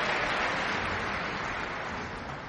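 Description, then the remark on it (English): Dense, steady applause from a concert audience at the Kuzovitsky Music Shed as the conductor has the members of the orchestra stand, a continuous wash of clapping at an even level that eases slightly toward the end, with no voices rising above it. “… asks all the members of the … to stand and receive the applause here at the Kuzovitsky Music Shed.”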